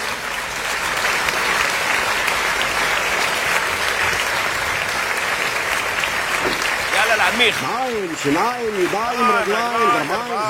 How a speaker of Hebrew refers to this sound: בני ברק, שימו לי כפיים. שימו לי כפיים ותנו לי יופי.